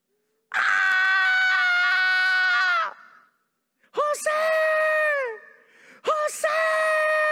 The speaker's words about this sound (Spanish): Se escucha un grito, como dijo el salmista Stanislao Marino: un lamento, un sollozo.